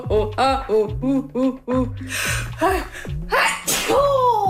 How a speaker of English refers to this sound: Yeah, I'm gonna sneeze. That's what I'm gonna do.